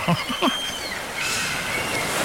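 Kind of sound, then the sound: bird, seagulls calling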